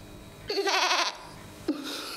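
A goat bleats, one loud, quavering bleat lasting about half a second, followed moments later by the start of a second, shorter call.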